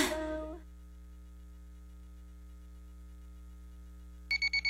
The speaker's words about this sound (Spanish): ¡Uy! No me quiero levantar. ¡Ay, cómo odio los lunes! ¡Pero qué buena alarma tengo!